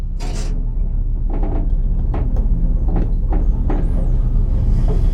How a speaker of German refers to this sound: Auf einmal, mit einem festen Ruck, geht die Tür vom Lift zu. Und er setzt sich in Bewegung. Abwärts.